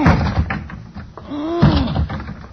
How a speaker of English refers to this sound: I going to lunge at the door with my shoulder. Go ahead. All right, here I go.